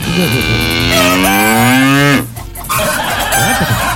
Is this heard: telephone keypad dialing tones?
no